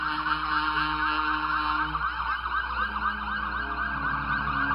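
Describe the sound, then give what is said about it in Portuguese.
The siren of a passing fire brigade rescue ambulance wails continuously with a rapid rising-and-falling warble, loud, over a low engine rumble with no talking. “a unidade de resgate, viatura empregada pelo Corpo de Bombeiro no atendimento pré-hospitalar, permite a avaliação, estabilização e transporte das vítimas até uma unidade de saúde, sendo fundamental na preservação da vida em situações de emergência.”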